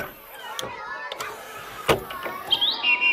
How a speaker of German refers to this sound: So schön singt die Amsel. Da kann die Krähe nicht ganz mithalten.